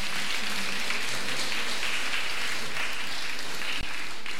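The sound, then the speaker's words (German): Steady, dense applause from an audience for vice mayor Brigitte Reinhardt, a loud continuous wash of many hands clapping for several seconds without a break, with no voices standing out. “Applaus bitte.”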